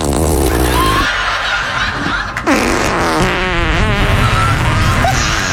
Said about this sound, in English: By the way, Gary Oldman, as British comes, yeah, sophisticated as hell, is dying laughing over these farts edited into some of his most famous movies.